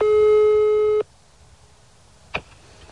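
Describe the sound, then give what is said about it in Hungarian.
A single steady telephone ringback tone sounds for about a second on an outgoing call to the mayor of Tiszanagyfalu, clear, followed by quiet line hiss and a brief click near the end. No one speaks. “Az ügyben többször kerestük Rudolf János Ferencnét, Tiszanagyfalu polgármesterét telefonon, végül írásban is.”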